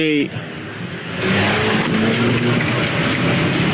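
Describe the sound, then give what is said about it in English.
A car engine revs up and the vehicle pulls away, driven by a patient who just tried to run someone over; its roar swells and holds loud with rising engine tones. A brief voice sounds at the very start. “Your patient just tried to run me over.”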